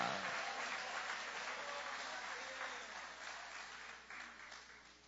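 A church audience applauds the power of the word in a steady, dense wash of clapping that holds for about five seconds, easing slightly toward the end, with no clear speech over it.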